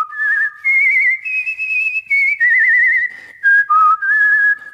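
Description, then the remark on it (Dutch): A human voice whistles an imitation of the Chinese nightingale's song as it flies through the great hall: loud, bright warbling phrases that slide and trill between high pitches, broken by short pauses, with no talking. “Hij vloog door de grote zaal en zong het mooiste lied.”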